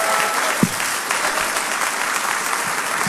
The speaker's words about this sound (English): Those listening by radio, give our streaming television and radio audience a hand clap.